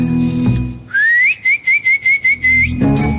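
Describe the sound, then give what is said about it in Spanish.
A loud human whistle used to call someone: one rising glide followed by a string of quick, evenly spaced chirping notes, like a calling signal, with background voices before and after. “Ya veo que la llamó con el silbido, pues.”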